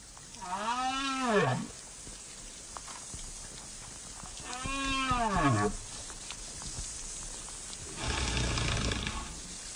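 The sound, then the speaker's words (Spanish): Two long, moaning whale calls rise and fall in pitch, separated by a few seconds of hissing underwater noise, followed by a burst of low rumbling turbulence near the end. “Sin embargo, aunque muchas veces no lo podamos percibir, existe un mundo muy rico de comunicación entre especies marinas, por ejemplo, entre las ballenas.”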